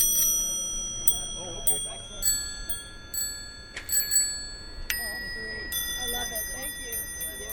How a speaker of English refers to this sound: Vintage bells.